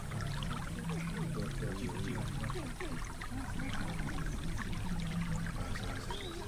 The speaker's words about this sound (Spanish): Yo les propongo ahora detenernos en el sonido del río y dejar que nuestros sueños fluyan con los otros, que vienen de muy lejos.